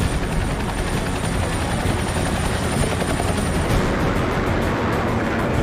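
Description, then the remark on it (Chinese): Military aircraft in a Chinese military parade, nearly 200 aircraft of 18 types in 10 air echelons, including early warning aircraft, bombers, fighters, carrier-based aircraft and helicopters, thunder overhead in formation, a loud, continuous roar filling the whole span, with a rhythmic rotor-like beating emerging toward the end as the formation passes. “新一代预警机、轰炸机、歼击机、舰载机、直升机等多型飞机均为列装后首次参阅。”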